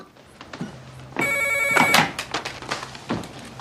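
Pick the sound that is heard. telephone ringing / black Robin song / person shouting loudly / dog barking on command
telephone ringing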